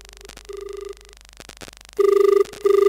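A telephone rings in steady electronic tones, first a softer pair of buzzy bursts, then two louder, sustained rings separated by a short gap, as a listener's call comes in to a radio phone-in song request programme. No one speaks.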